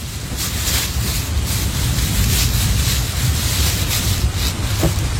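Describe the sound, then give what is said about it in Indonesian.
Heavy rain pours onto the road in a steady, dense hiss over a deep rumbling roar, continuous and loud for the whole stretch with no voices. “Tetap tertib meski lagi hujan.”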